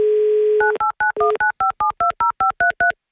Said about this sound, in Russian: Набрали номер телефона